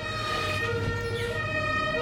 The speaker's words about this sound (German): Oh, jetzt ist aber die Feuerwehr da draußen.